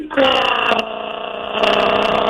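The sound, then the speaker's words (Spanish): A voice imitates a wife's loud snoring with a sustained, buzzy, rumbling drone that holds for about two seconds, loud, with a brief catch partway through before it surges again. “Oye, pero mira, al segundo día que nos casamos, eso se oía así como un trailer de bajada.”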